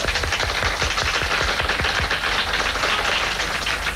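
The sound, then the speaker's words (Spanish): A crowd applauds loudly and steadily for Cuban actor Ildefonso Tamayo as he is introduced, a dense, crackling wash of many hands clapping at once that holds an even level for the whole stretch, with no voices over it. “Ildefonso Tamayo, un fuerte aplauso.”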